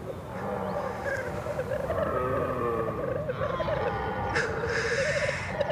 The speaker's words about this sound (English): In late September, the high valleys ring with delightful sounds, warbling voices of black grouse blending into the roar of stags.